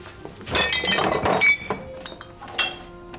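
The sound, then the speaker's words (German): Drinking glasses clink and rattle together as they are fetched for a grappa, a cluster of bright chinks in the first second and a half, then a few lighter taps with no talking. “Ich hol mal die Gläser.”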